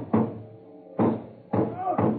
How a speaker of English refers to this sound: I went to the door, banged on it.